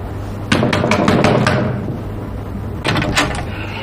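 Heavy fists pound on a door in a rapid burst of about half a dozen loud thuds, then a pause and a second, shorter round of three or so blows, over a low steady hum.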